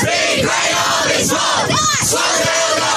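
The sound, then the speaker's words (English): An under-14 boys' Australian rules football team shouting and chanting together after a win, in a loud, excited burst, the cheering continuous with overlapping yells throughout. “The under 14 boys after a recent win there on the socials.”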